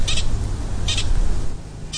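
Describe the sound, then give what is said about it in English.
A pika, a rock-camouflaged rabbit cousin, gives its alarm call in the morning: three short, high-pitched squeaky chirps spaced roughly a second apart, heard over a steady low background rumble. “So I'm not an expert, but my understanding of that call, the kind of chirping call, is that it can be an alarm call, or it could be a mating call.”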